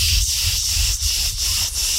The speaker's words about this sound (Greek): Τζιτζίκια στο μπαλκόνι που ποτέ δεν ξέρεις που είναι το τζιτζίκι. Ακούς το τζιτζίκι, πας κοντά, πας απ' την άλλη.